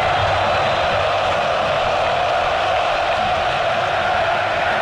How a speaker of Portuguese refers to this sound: Mais de 40 mil aqui na Arena Corinthians, sofrendo, eles não desanimam não, cantam o tempo inteiro, ouça aqui a Arena Corinthians, Vila Belmiro, torcedor está aqui.